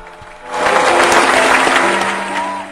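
A burst of audience applause welcoming a guest onto a Chinese program swells in after a brief quiet moment, a steady dense crackle of many hands clapping for about two seconds before easing off, with faint music humming beneath.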